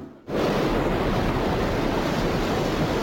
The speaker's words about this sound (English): Niagara Falls, billions of gallons of water.